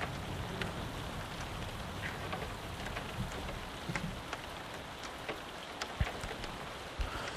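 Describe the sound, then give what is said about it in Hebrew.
Steady rain patters on a window and roof, a dense, even hiss with scattered sharper drops tapping out irregularly, plus a few louder low thumps. No one speaks. “תשימו לב, יש שם ממש את הצלילים של גשם על חלון, אפילו על הגג.”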